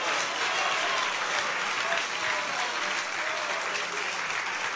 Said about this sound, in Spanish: ¿Cuántos alaban al Señor? Fuerte ese aplauso si es para Él.